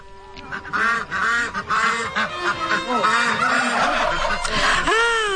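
A flock of white poultry (turkeys, chickens, pigeons, peacocks and white Crimean ducks) in a poultry enclosure calls loudly, with honking and squawking cries overlapping almost without pause for the whole stretch and no talking.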